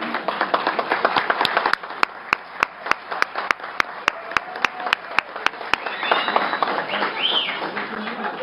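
An audience at an event of the Associação de Guardas de Trânsito do Brasil (AGT Brasil) claps, with one sharp, evenly spaced clap repeating steadily over a dense patter of hands and a murmur of voices, then the clapping thins as chatter continues.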